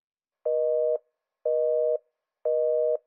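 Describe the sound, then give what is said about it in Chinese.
A telephone busy tone beeps three times in a steady rhythm after a call is abruptly hung up, each half-second tone evenly spaced by equal silences, with no voices. “孟丽猛然挂断了电话”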